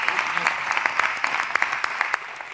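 Steady applause from a crowd, many hands clapping in a dense, continuous patter with a few sharper claps standing out, fairly loud throughout.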